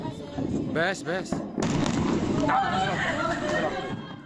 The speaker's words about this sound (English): Four people have been injured after a massive explosion at a weapons depot in Syria.